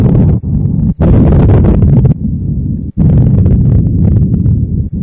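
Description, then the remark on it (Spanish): A volcano eruption's deep, loud rumble roars continuously, with crackling, rushing bursts surging over the low boom and a few momentary breaks in the sound. “No es una tormenta, es un volcán.”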